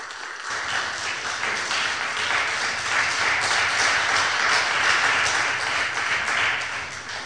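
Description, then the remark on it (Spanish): An audience breaks into sustained applause for the Lord, many hands clapping densely and steadily for several seconds at a fairly loud, even level, with no one speaking over it. “¿Cuánto se puede dar un aplauso al Señor?”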